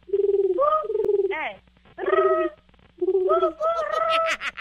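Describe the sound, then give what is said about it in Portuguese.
A woman imitates a pigeon's cooing with her voice as a challenge on Nativa radio to win a stand mixer, producing three loud, warbling coo phrases separated by short pauses, with faint background hum. “Mas, ó, vai ter que imitar o barulho de um pombo, consegue?”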